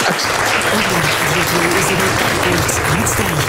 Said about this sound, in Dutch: Het verdient nogmaals een daverend applaus, mensen.